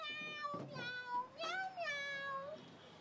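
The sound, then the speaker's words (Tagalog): A person mimics a cat, letting out a few drawn-out, wavering meows in quick succession, clear with no other talking. “Pero nga daw, tingog sa tao ito nga kuringaw nga nag-meow-meow.”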